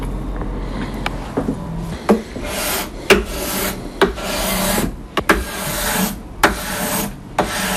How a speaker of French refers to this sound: donc je suis en train de lisser la touche au racloir